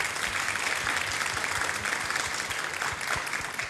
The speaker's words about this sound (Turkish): Kocaman bir alkış da onlara gelsin mi?